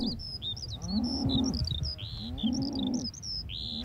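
Cattle from a herd of 60 mother cows being rounded up moo twice in low, drawn-out bellows, one after the other, as the herd runs off, while small birds chirp and tweet steadily at a high pitch throughout.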